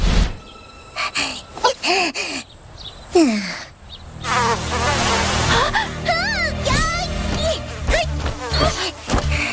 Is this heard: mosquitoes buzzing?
yes